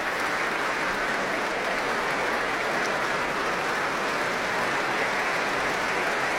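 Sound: concert hall audience applauding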